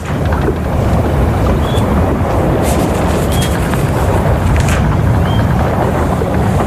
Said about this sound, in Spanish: Cada viaje tiene un sonido propio. Por eso hoy te mando la postal sonora desde la cubierta de una carabela.